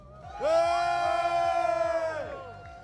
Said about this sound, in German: Wir hören das Publikum.